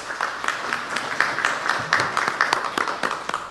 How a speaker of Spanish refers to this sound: Fuerte aplauso una vez más.